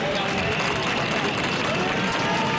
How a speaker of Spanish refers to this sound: la jornada ha sido más tranquila, aunque con pitidos tapados con aplausos a la llegada del general.